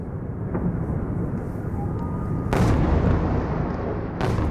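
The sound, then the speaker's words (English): Heavy booms from Russian missile and drone strikes on Kyiv, Ukraine's capital, in the middle of the night roll over a constant low rumble, with two sharp blasts cracking out a couple of seconds apart, loud. “Russia fires a barrage of missiles and drones at Kyiv in the middle of the night.”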